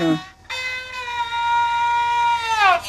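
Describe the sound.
A bowed zhuihu fiddle mimics a rooster's crow: a short rising opening, then one long sustained harmonic-rich note that bends and slides downward at the end, loud and alone.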